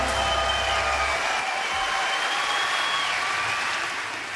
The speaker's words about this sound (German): Applaus